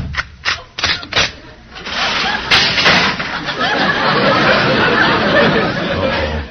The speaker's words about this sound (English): Fine, my friend. Just let me close the door. Don't want to get any draft on you.